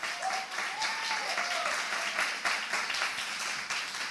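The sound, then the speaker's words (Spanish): A crowd applauds steadily during a sermon, answering the preacher's call to applaud if they believe the word, many hands clapping together in a dense, sustained wash of sound with a few faint raised voices or cheers mixed in. “Si usted cree esta palabra, aplauda.”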